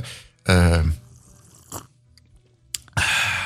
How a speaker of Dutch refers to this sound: Je wilt toch een vieze koffieslok? Ja, natuurlijk. Zonder die vieze slurp kunnen we niet verder.